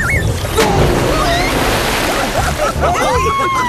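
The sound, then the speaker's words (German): Water splashes and sloshes loudly and continuously out of a pool as several friends jump in and splash about, a busy churning wash of spilling water, with faint voices and squeaky tones mixed in. “Du hast ja das halbe Becken leer gemacht.”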